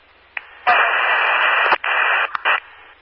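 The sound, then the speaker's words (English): Loud, harsh radio static hisses in a dense burst lasting a couple of seconds, broken by sharp clicks and brief dropouts near the end, with no voices coming through. “With heavy static.”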